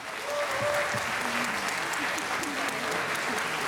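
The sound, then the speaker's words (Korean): Sustained audience applause at the 2022 Citizen Participation Seongnam Artrium Hanmaeum Choir Festival, a dense wash of many hands clapping steadily at a fairly loud, even level, with faint murmuring voices and cheers underneath. “수고해 주신 여러분들께 다시 한번 큰 박수 부탁드립니다.”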